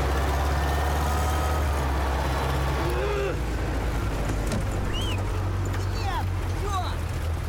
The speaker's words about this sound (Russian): Грузовик буксует в грязи. Раненые толкают его.